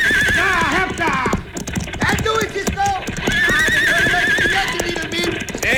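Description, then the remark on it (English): Horses, one of them named Diablo, whinny loudly and repeatedly over a busy, continuous clatter of hooves, with indistinct voices mixed into the commotion. “Now if I can jump to the back of one of those horses.”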